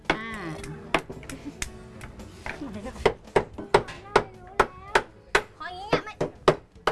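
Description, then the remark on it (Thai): Sharp wooden knocks strike over and over, loud, speeding into a steady rapid rhythm as a mold is tapped at an angle to release a pressed Thai dessert similar to khanom sampanni, with voices chatting underneath. “ดังไหมเคาะยังไงคะ”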